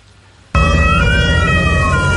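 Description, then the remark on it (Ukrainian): A fire rescue vehicle arrives at a just-struck gas station in the Obolonskyi district of Kyiv. Its siren suddenly blares, loud, steady wailing tones rising and falling slightly over a heavy rumble of engine and road noise. “Столичні рятувальники заїжджають на щойно уражену заправку в Оболонському районі.”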